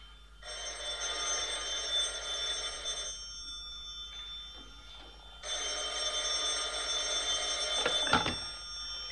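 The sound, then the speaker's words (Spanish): A telephone bell rings in two long bursts separated by a brief pause, loud, with a faint clatter near the end of the second ring. “¿No oye usted el teléfono?”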